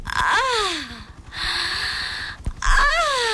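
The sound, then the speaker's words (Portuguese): Raspy, wheezing breaths come in three close, loud bursts, with thin whistling tones that slide downward through the first and last, like labored asthmatic snorting. “Oi, asma.”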